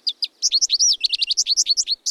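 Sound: bird calls and songs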